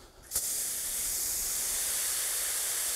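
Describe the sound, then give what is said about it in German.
Water pours steadily onto soil, starting abruptly after a brief pause and continuing as an even, bright hissing spray with no pauses, and no one speaks. The soil where a tree is to be planted is being soaked thoroughly before the tree goes in. “Aber einmal richtig angießen, obwohl noch kein Baum da ist, muss sein.”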